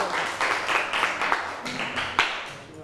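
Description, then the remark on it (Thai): Students in a classroom clap their hands to welcome a classmate to the front, a steady patter of overlapping claps lasting a few seconds, with a sharper clap standing out near the end before it tapers off. “okay everyone welcome your friend here ปรบมือหน่อยค่ะออกมาเลยลูกออกมา”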